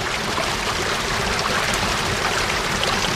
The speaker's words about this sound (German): Und dieses Wasserspiel ist das Wasser. Und kein Mensch weiß, wo das Wasser herkommt. Ob das nur das Regenwasser ist oder ob man das auftrinken kann, keiner weiß es.